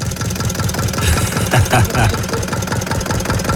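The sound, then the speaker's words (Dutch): An old engine idles with a steady, low chugging rhythm, its repetitive knocking pulses continuing evenly throughout, with brief murmurs of voices underneath. “En laat hem nou gewoon lopen, nooit meer u dan.”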